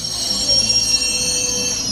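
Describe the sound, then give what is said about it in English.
A sustained, piercing metallic screech of London Underground tube train wheels grinding on rails in London, loud, with high shrill tones over a rumbling low hum and no voices. “Londoners have long complained about the deafening screech in certain parts of the London underground, and now mounting complaints have sparked calls for a full investigation into tube noise.”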